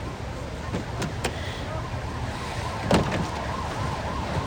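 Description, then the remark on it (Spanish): Sirens of several police cars arriving at the scene wail steadily over a rumble of traffic, their rising and falling tones overlapping, with a few sharp clicks and knocks scattered through the scene. “Varios coches de policía acuden al lugar.”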